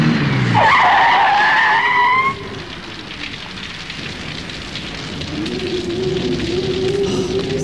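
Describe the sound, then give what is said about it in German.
A car pulls up at a hotel in terrible weather and skids loudly to a halt, tires squealing in a rising, harmonic screech for about two seconds, then steady rain-like hiss and a low engine idle continue. “Ja, da kommt ja noch ein Wagen.”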